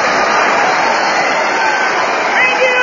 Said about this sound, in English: Listeners, once again, I inform you that that was only recorded applause. Anybody can do it.